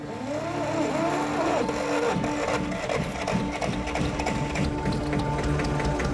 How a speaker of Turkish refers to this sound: Tamam, ben gidip jeneratörü tekrar çalıştırayım. Evet, çalıştır şu jeneratörü.